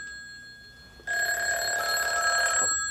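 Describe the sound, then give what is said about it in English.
A telephone bell rings loudly in one sustained, rattling burst of about a second and a half, then cuts off; a faint tone hums beforehand and no one speaks. “Oh, you wash your hands while I go in and get the phone.”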